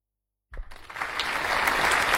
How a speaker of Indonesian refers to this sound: Tepuk tangannya Bapak Ibu, biar anak didik kita lebih semangat lagi.